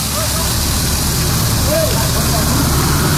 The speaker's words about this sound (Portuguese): É isso aí, é na rua. Olha, vazamento de água na rua Atos Tomás Ferrátil, em frente ao número 300, Capão Redondo. Mas, gente, é muita água que está jorrando, formando aquela super ducha assim pro alto, jogando água pro alto, cano estourado certamente